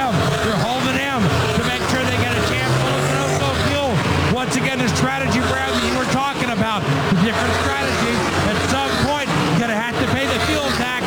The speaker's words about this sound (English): Defending winner Bubba Wallace on and off pit lane. In fact, it's a train of cars leaving. Christopher Bell right behind him.